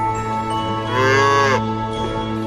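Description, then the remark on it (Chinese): A single drawn-out moo from a dairy cow at a modern dairy farm in China swells up loud for about half a second, set against a steady hum and low background noise, with no one speaking. “在这座牧场，每头奶牛的年均牛奶产量为12吨”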